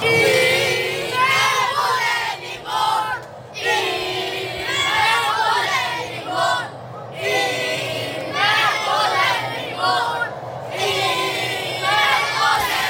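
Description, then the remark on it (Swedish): A group of children at an after-school centre in Hästö cheer and shout excitedly together in the morning while watching the World Cup match between Sweden and Tunisia, high-pitched voices rising and falling in waves of loud whoops and chatter, with brief dips between bursts. “Så här glada var ungarna på fritids på Hästö i morse när de kollade in VM-matchen mellan Sverige och Tunisien som slutade 5-1 till Sveriges favör.”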